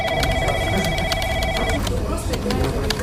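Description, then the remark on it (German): A telephone rings with a steady electronic trill for about two seconds, then stops, heard amid a busy office with overlapping background chatter and clatter. “Klingelnde Geräte, unfreiwillig mitgehörte Telefonate, die im Endstadium röchelnde Kaffeemaschine, solche Sachen.”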